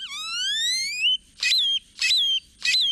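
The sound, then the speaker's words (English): A great-tailed grackle sings a jumbled, metallic song: a long rising whistle, then three harsh clattering bursts with squeaky tonal sweeps in steady rhythm, clear with no talking. “Songs can also be dry and mechanical, like this chipping sparrow's, or jumbled and metallic, like this great-tailed grackle's.”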